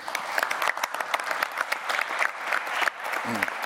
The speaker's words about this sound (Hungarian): Köszönöm a tapsot az ön nevükben is.